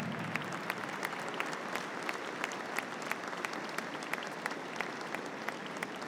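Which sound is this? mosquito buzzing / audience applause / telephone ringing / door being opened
audience applause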